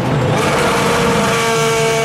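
A loud DTM race car engine roars steadily for about two seconds, a dense droning growl with sustained harmonic tones and no pause, used as BB Radio's DTM ticket sound cue for the DTM race at the Lausitzring. No one speaks.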